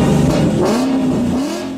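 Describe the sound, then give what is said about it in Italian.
A Ford car engine revs loudly, its droning pitch climbing, dipping briefly and climbing again before holding steady over about two seconds, with no voices. “A Cagliari quando dici Ford suona così.”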